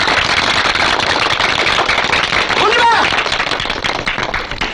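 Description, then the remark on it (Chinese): A crowd claps steadily and loudly for the whole stretch, a dense crackle of many hands, with a brief vocal call rising above it partway through before the applause thins slightly at the end. “我提议大家鼓掌，在这给你鼓掌。”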